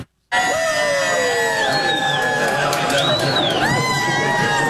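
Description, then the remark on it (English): Canadian soccer fans at a watch party roar and cheer loudly and continuously, with high whoops, shouts and rising and falling screams cutting through the sustained din. “Canadian soccer fans gathered at watch parties from coast to coast to catch every second of the action.”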